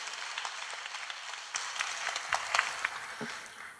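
An audience applauds steadily for a few seconds, a dense patter of many hands with a few sharper claps standing out, at moderate volume and with no voices.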